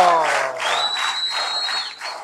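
An audience bursts into steady, dense applause for the winners of a raffle for tickets to a dance in San Ramón, with clapping that swells in waves for a couple of seconds while a thin, high whistling tone rings over the crowd noise.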